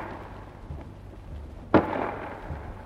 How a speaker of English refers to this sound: First, a 5.5 gun fired at the wall of the fort for an hour or more at point-blank range, about 250 yards. The first bang you heard was the gun firing. Then the second was the shell bursting on the wall.